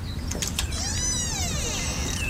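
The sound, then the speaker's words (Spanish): The door of the grandparents' house creaks open after someone calls for it to be opened: one long, wavering squeal of the hinges that rises and falls in pitch, clear over a low background rumble. “¡Abre la puerta!”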